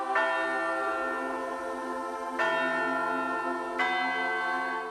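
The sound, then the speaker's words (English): A large church bell tolls three times at a slow, steady pace, each strike ringing out with rich overtones that hum and linger into the next. No voices are present. “And through every chapter of that journey, the sound of church bells could be heard across this great land.”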